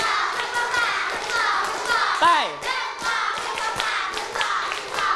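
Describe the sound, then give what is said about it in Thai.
A group of children claps together in quick, patterned bursts, doing a round of five claps, the hand claps sharp, with a child's voice briefly calling out partway through. “อีกหนึ่งรอบปรบมือ5ครั้งไม่มีเสียงเลยปรบมือ1ชุด”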